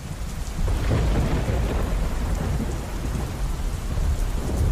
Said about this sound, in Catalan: I és que mentre parlava amb la seva mare, un llamp va impactar directament a la línia telefònica. L'impacte va ser brutal.